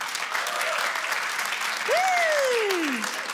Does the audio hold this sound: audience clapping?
yes